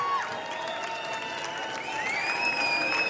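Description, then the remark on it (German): A festival crowd at the Cosmo Festival applauds and cheers steadily, shouting to bring a singer out onto the stage, dense clapping running throughout, with sustained high whistles and shouts riding on top, one rising in pitch toward the end. “Sie lässt sich bitten, aber die Menge schreit sie raus.”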